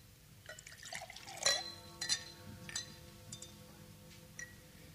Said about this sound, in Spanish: Muriel sirve los licores.